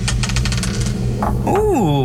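A die is rolled across a table in a quick run of light tapping clicks, ending with one last knock as it lands on five, then a person lets out a short rising exclamation.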